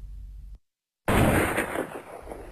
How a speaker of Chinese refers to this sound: 向晚时分，南星桥一带有凌乱枪声入耳，天是阴沉的可怕了。杭州就如了一座濒于死亡的孤城。